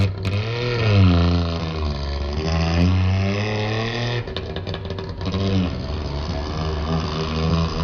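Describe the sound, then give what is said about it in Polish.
A Syrena car's small engine runs with a rough, buzzing idle, rising and falling as the throttle is blipped in several revs, continuous and loud throughout. “Charakterystyczny. No nie da się tego z niczym pomylić, prawda?”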